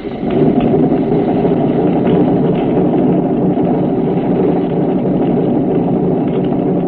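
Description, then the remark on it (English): A steady, loud mechanical drone of a submarine trim pump running continuously, pumping from auxiliary to forward trim, a dense low hum with a faint rattling texture and no pauses, heard alone without any voices. “Pump from auxiliary to forward trim.”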